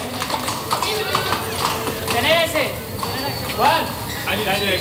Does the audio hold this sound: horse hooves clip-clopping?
yes